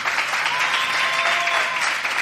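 Steady audience applause on VCF Radio, a dense wash of many hands clapping at constant loudness throughout, with no pauses and no clear voices above it, for the child president of the Falla Obispo Amigo Cuenca.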